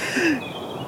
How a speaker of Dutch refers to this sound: Volgens mij hoor ik in de verte al één vogel beginnen. En dat is vaak inderdaad een van de eerste. De roodborst.